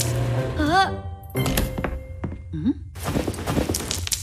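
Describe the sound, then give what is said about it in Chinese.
A noisy washing machine thumps and clatters as hard stones left in a coat pocket tumble inside with the laundry, with irregular loud knocks that build into a dense rattle, broken by a couple of short gliding vocal exclamations. “啊，这洗衣机噪音怎么这么大？不会是出故障了吧？听起来里面好像有什么硬东西。”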